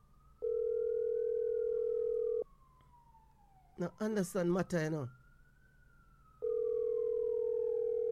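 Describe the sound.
A steady electronic phone tone sounds for about two seconds, stops while a man speaks briefly, then returns unchanged, as a call to Mata fails to go through because Mata has not fixed his phone.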